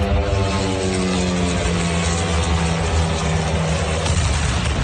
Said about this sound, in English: Officials say Ukraine fired more than 1,000 drones at Russia overnight, with hundreds launched toward Moscow, including this one.